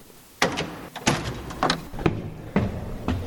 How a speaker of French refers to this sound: Et donc, on va ouvrir la porte qui est derrière l'hôtel et on va découvrir ce lieu. Allez, c'est parti.